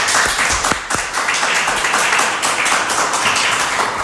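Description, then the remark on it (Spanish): A crowd gives a joint round of applause for three guests of an economy segment, dense overlapping claps forming a loud, continuous wash of sound with no voices, holding level throughout. “He pedido el aplauso conjunto para evitar luego esas suspicacias de a ver a quién aplauden más fuerte, menos, ya sabéis.”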